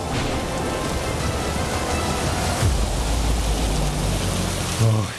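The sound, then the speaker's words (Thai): Heavy rain from an arriving storm pours down steadily in a dense, loud wash of noise, with low rumbling bursts underneath and no voices throughout. “พายุฝนมาแล้วลูกไปรีบไปหลบที่บ้านเรากันก่อน”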